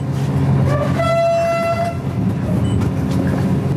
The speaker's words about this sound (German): Schnellzug Nummer 889 hat den Hauptbahnhof Vilnius in Litauen pünktlich um kurz vor 7 verlassen. Ganze 3 Waggons ist der Zug lang. Und schnell ist zumindest das WLAN an Bord. Der Zug fährt eher gemächlich durch den grauen litauischen Morgen.